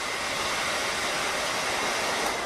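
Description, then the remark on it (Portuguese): A hair dryer runs continuously, giving off a steady, even whoosh of airy noise at constant loudness throughout, with no voices or other sounds. “Em vez de responder, Skandor aparece com um secador de cabelos.”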